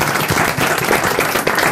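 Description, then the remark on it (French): Steady, brisk hand clapping fills the moment, a dense burst of applause with no voices over it, holding an even loudness throughout, as a woman applauds after correctly guessing the comedian Patrick Timsit in a guessing game. “Mais elle applaudit là.”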